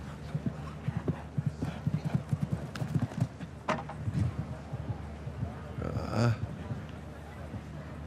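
Rhythmic clip-clop of the hooves of a horse, a Kornet Obolensky offspring whose dam's sire is Kidam de Revelle, striking ground in quick, steady beats, with a brief snort or whinny-like burst near the end over a low background hum.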